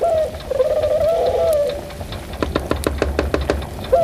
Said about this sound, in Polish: Ale gołąbku, no nic nie rozumiemy z tego, co chcesz nam powiedzieć. Bo nie znamy gołębiowego... Nie znamy. ...języka.